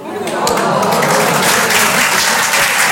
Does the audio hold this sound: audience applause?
yes